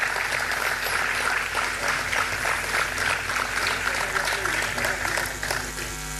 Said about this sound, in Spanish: Un aplauso para ella que hace 16 años está luchando con nosotros.